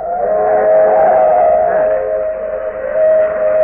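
An old steam train approaching a road crossing, its whistle blowing in one long, steady, loud wail that holds its pitch for several seconds, with a faint rumble underneath and no voices.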